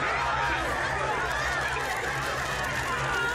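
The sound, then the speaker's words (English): A dense chorus of many frogs croaking at once, loud and continuous, with overlapping warbling calls filling the whole stretch and no pauses. “Frogs.”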